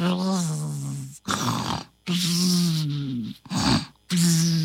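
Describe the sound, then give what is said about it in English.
A person imitates snoring, alternating long buzzing, droning tones with short raspy, snorting breaths in a steady rhythm, about three cycles, fairly loud, for a story character lying in a forest and snoring like a beehive. “She stopped short where Caleb was lying and snoring away like a beehive.”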